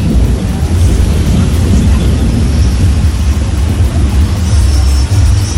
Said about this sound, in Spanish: Ese ahí, ese sonido ambiental son los relámpagos.